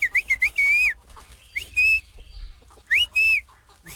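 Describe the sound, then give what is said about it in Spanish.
Someone whistles a short signal call in three bursts to call a friend, passing in front of the friend's house: quick rising chirps followed by longer sustained tones, loud, with brief pauses between phrases and no talking. “Un amigo pasa enfrente de la casa del amigo. Y pues así como se comunicaban, él le chifla.”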